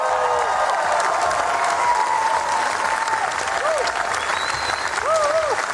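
Sustained, dense applause from a large crowd, an ovation right after a film screening in Cannes, steady and enthusiastic throughout, with a few whistles rising above the clapping and faint voices mixed in.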